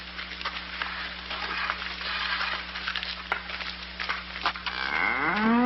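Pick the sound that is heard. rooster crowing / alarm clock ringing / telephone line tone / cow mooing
cow mooing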